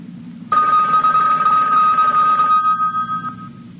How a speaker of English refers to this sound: sound of the bell? It's the top of the hour, and it's time for Tom Call Theater.